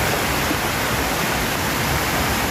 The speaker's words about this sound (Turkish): Burası da Erzurum'un Oltu ilçesi. Sağanak'la birlikte Dümbüllü Deresi'nin debisi yükseldi. Taşan dere nedeniyle bazı evler ve ahırlar su altında kaldı.